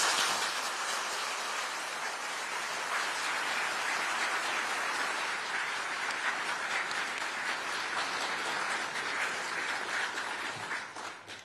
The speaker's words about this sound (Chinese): 感谢习近平主席，下面让我们以热烈的掌声有请俄罗斯联邦总统普京阁下致辞。